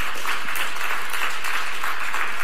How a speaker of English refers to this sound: Give the Lord Jesus a loud hand clap this morning.